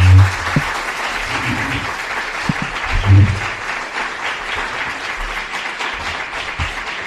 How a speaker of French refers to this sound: je pense qu'on peut vous applaudir.